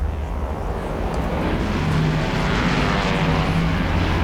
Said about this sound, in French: L'avion fait un virage à 90 degrés et met le cap vers le nord pour entamer sa descente vers ce qu'ils pensent être l'aéroport de Santiago.